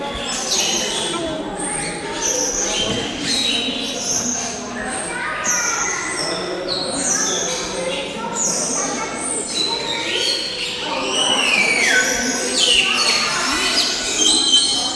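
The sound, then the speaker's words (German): Many birds call and chirp loudly at once, bright whistles and sweeping notes overlapping continuously, with a busy, dense chorus that swells toward the end. “Ich hätte, glaube ich, leisigere Vögel.”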